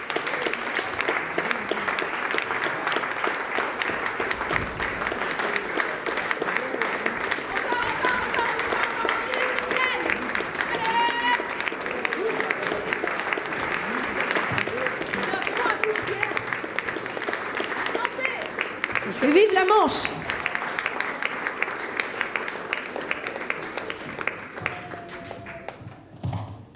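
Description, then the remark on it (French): Sustained audience applause for performer Rodolphe Raffali lasts nearly half a minute, a dense, steady wash of many hands clapping, with scattered voices and a few whistles or cheers rising through it. “Un tonnerre d'applaudissements, mesdames et messieurs, pour Rodolphe Raffali.”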